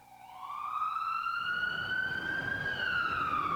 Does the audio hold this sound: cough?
no